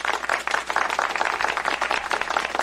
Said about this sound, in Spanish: ¡Un aplauso, por favor!